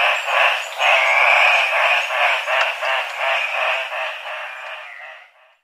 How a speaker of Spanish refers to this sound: El trino del gallito de roca, ave nacional de Perú, forma parte del Banco de Sonidos de Aves Colombianas, recopilado por el Instituto von Humboldt y la Universidad de Cornell.